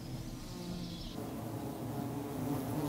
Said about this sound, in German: In der dicken, betagten Buche gedeiht das vor kurzem eingezogene Volk derweil prächtig. 50 Kilogramm süßer Wintervorrat lagern in der prall gefüllten Baumhöhle. Eingetragen von unzähligen Sammelbienen.